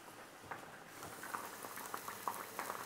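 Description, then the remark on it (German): Food simmers in a pan with a soft, steady bubbling hiss, broken by scattered small pops and crackles. It is fairly quiet, and no one speaks. “So, das gart jetzt hier so vor sich hin, die röste ich hier.”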